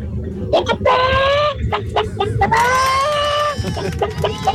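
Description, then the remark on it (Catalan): A caller from Girona imitates a hen, making two long, wavering, nasal squawks broken up by short, sharp clucking bursts, over low background rumble. “Jo imitaré la gallina.”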